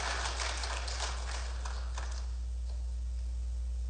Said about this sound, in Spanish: Si usted quiere mirar las cosas de esa manera, dele un aplauso al Señor, bendígalo, alábelo por un momento, dele gloria al Señor, aleluya.